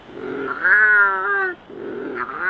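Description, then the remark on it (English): A wildcat, one of the only native cats still found in the wild in Britain, caterwauls: low moaning yowls frame one loud, drawn-out wavering wail in the middle, then the moan starts again. No one speaks. “efforts to revive the only native cats still found in the wild in Britain.”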